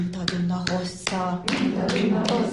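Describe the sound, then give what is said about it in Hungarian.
Steady hand claps, about six sharp slaps at an even pace, keep time for a mothers' nursery rhyme clapping game while a voice chants along beneath them; the rhyme wishes hair as long as a foal's tail, and children join in the clapping from time to time. “És ebben a tapsikolásban időközönként már a gyerekek is bekapcsolódnak.”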